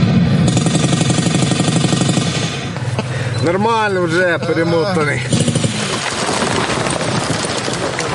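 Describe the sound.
Recorded battle noise played over an audio speaker for atmosphere during a tactical medicine training session for military recruits practising tourniquets and wound packing: a loud, unbroken din of rumbling and rapid gunfire-like rattling that runs throughout, with a man speaking briefly over it midway.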